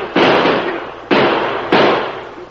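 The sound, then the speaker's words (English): Three loud gunshots fired by a group of men at a rider, unevenly spaced, each a sharp crack with a long rumbling tail that fades before the next shot. No one speaks. “Shoot at him, boys.”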